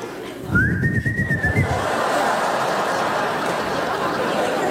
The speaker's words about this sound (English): Oh, terrible whistle.